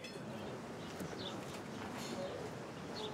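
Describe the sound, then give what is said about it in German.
Small birds chirp in short, scattered bursts over a dense, steady rustle of background noise, fairly quiet, in the bird aviary at the Wilhelmshöhe. “Die Wilhelmshöhe ist nicht nur berühmt für ihre Terrasse auf dem Cliff, sondern auch für eine Vogelvoliere.”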